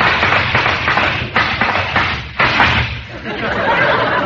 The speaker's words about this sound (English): Hark! Do I hear the sound of horses' hoofs?